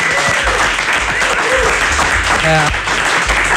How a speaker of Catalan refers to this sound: Escolta, deixa'm felicitar-te, fa uns mesos ja, però et vas proclamar campiona del món de trial. És gros, bravo. Campiona del món, aplaudiu, bravo, sisplau. Bravo. Sí, sisplau.